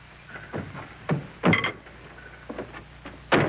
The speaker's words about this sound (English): Will you close this door, please?